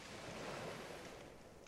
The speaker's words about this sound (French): Pas d'autre bruit que le discret crépitement du feu et les vagues au loin.